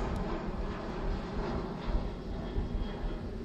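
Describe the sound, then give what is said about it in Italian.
A steady, rumbling roar of an airplane passing overhead, heavy in the low end and sustained throughout with only slight swells, heard alone without any voices. “Tempo, sta passando un aereo, quindi aspettiamo un attimino che passi.”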